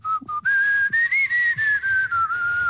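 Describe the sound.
A person whistles a continuous, wavering melody, the pure tone sliding gently up and down with brief breaks between phrases, no voices alongside.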